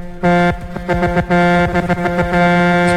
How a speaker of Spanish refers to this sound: Los camioneros. Espérate, déjame tocarle la bocina a los camioneros. Camionero. Tócale la bocina.